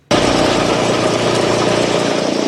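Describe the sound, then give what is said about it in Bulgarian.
A floor renovation machine, worked by a craftsman preparing the parquet floor of the basketball hall in Botevgrad, starts abruptly and runs with a loud, steady motorized drone and grinding hum, continuous, with no voices. “Не е лесна тая работа, машината тръгна на някъде.”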